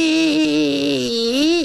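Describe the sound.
A voice imitates a four-legged wooden chair scraping backward across a floor: one steady, loud, buzzy vocal drone lasting under two seconds, holding a level pitch before sliding upward and cutting off abruptly.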